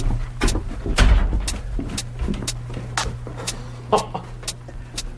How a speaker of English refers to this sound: Just watch your step. You can pull that door closed if you like.